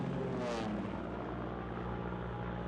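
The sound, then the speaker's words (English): A steady, loud droning engine of a Japanese propeller fighter plane, a 1300-horsepower air-cooled engine, with a throbbing propeller buzz, sustained throughout, with no voices. “这款日本战斗机安装了1300马力气冷发动机，实用升限超过11300米，最高速度可以达到570公里每小时。”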